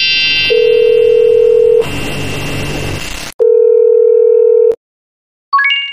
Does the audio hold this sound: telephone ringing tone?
yes